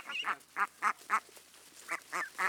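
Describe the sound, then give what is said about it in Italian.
Nearly grown young ducks quack at a flooded rice paddy in a quick series of about seven nasal calls, fairly loud, with a brief pause midway before a few more quacks follow. “Le giovani anatre, ormai quasi adulte, si avviano a diventare mondine.”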